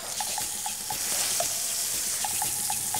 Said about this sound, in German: Dazu brät Volker ein Stück Zander.